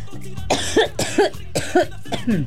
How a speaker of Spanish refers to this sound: Oigan, ¿qué onda conmigo? Ya me está dando la tos.